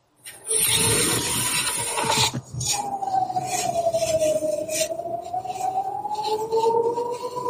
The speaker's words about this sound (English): Can you hear that? We can hear that. These are the sirens, basically warning the Israelis that there are some rockets coming in a couple of minutes.